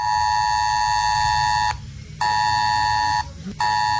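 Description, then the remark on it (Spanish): A loud, harsh mobile phone emergency alert tone, sent as an alert drill to phones in the Calahorra area and nearby zones within about 5 kilometres, blares in long bursts: roughly 1.7 seconds on, a half-second gap, then another burst and a third after a brief pause. Nobody speaks. “Este va a ser el sonido que se pueda escuchar hoy en esta mañana en la zona de Calahorra a través de los teléfonos móviles, también en zonas próximas dentro de un perímetro aproximado de 5 kilómetros.”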